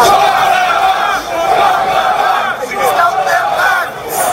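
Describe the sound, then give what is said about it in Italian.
A large crowd at an anti-immigration protest in Portsmouth, on the south coast of England, chants "send them back" in loud unison on a Saturday afternoon, many voices shouting the slogan over and over in a steady rhythm with brief dips between repetitions. “Un coro di voci che urla «Send them back», rimandateli indietro.”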